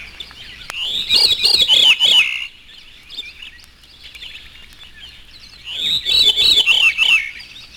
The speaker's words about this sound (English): Both the transition and the theme itself are from the call of the veery, also known as Wilson's thrush. This is the veery, his natural call.